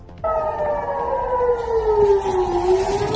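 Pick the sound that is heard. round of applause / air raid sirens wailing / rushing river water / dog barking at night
air raid sirens wailing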